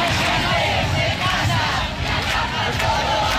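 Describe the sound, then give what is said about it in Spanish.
A large protest crowd of thousands in the Plaza del Obradoiro, Galicia, demanding the right to housing, chants and shouts together in a steady, loud roar of many voices, sustained without pause throughout, with rhythmic swells in the massed yelling. “Miles de personas se concentraban esta mañana en la plaza de Obradoiro para reivindicar el derecho a la vivienda”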